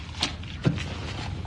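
A couple of soft footsteps cross, followed by a low thud as a door is pushed shut, all fairly faint against a hushed indoor background.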